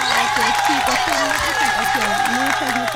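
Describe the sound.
Steady, dense applause carries on for the full three seconds at an even, loud level, with excited voices calling out over the clapping.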